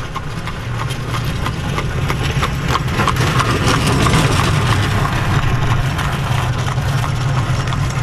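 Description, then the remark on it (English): Passing traffic on a road in Holmes County: steady clip-clopping hoofbeats and rattling wheels over a constant low engine rumble, loud throughout, with no voices. “Passing traffic in Holmes County.”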